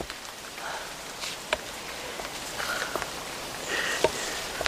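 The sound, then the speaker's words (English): First raindrops of a light drizzle: a soft, steady patter with a handful of sharper, scattered drops tapping at irregular moments. “There are the first drops. Golden drizzle.”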